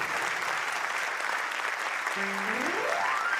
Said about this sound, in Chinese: 好，谢谢大家吼，连续三首歌曲的掌声，好，谢谢，感谢大家吼